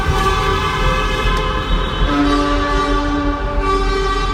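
Several loud, sustained car and truck horns blare and overlap one after another in the Huttrop tunnel on the A52 in Essen, Germany, during slow stop-and-go traffic, layered over a constant low rumble of traffic, with one horn tone holding steady for a couple of seconds.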